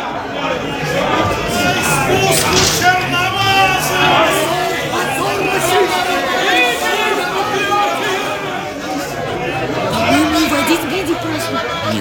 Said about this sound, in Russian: ты посмотри, какая уйма народу. Вот это да. Что они кричат? Я не могу разобрать.